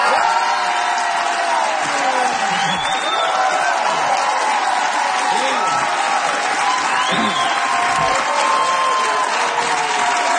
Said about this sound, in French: Vous ne pensiez pas vous faire applaudir comme ça, hein?